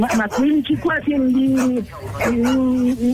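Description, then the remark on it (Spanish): A small dog whimpers and yips, drawn-out wavering whines broken by a few short, sharp yips, fairly loud and continuous for a few seconds. “Háblale, dile al perrito, descríbeselo.”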